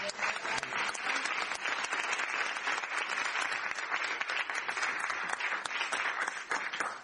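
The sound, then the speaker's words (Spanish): A crowd at an event in a space lent by ATE Capital claps steadily for several seconds, applauding colleagues who arrived the day before as part of the mission: a dense, continuous wash of many hands applauding at once, even in loudness with no talking over it. “Y yo quiero pedir un fuerte aplauso fundamentalmente a los compañeros y a las compañeras que llegaron el día de ayer, que son parte de la misión.”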